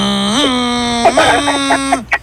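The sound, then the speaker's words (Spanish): A voice imitates the call of a very rare bird, nicknamed the 'fast and furious bird', with a long, steady, nasal tone that lifts slightly in pitch, breaks into a series of quick warbling pulses, and ends with one brief, sharp squeak. “Este pájaro cuando aparece se oye así, mira.”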